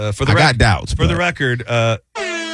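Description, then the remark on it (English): A sad air horn sound effect: several loud, brassy blasts that sag and waver in pitch, followed after a brief gap by one steady, buzzy blast that runs to the end. “This is the sad air horn.”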